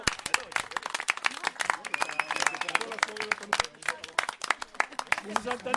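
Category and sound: crowd, applause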